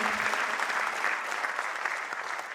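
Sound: audience clapping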